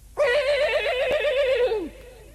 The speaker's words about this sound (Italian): Questo era il nitrito di uno dei suoi due morelli. L'avrebbe riconosciuto tra mille, ma non veniva dalla scuderia. Veniva dal porcile.